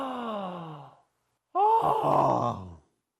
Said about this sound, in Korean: 자, 이렇게 하품 연습법인데, 이렇게 숨을 크게 들이마신 다음에, 한 번에 숨을 후! 뱉어내죠.